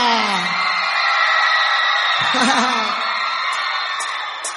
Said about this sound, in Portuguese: Podem gritar!